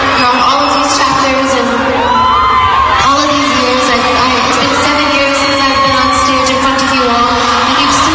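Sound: concert crowd cheering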